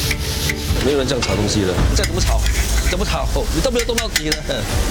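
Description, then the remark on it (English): Steady scraping and stirring of sambal being stir-fried in a large pan, around 150 kg of it, with a continuous sizzle underneath, the rasping strokes repeating without pause while voices talk in the background. “Today haven't finished frying, around 150 kg.”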